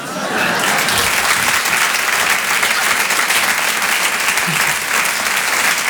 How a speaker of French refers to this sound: l'applaudit bien fort, Mélinda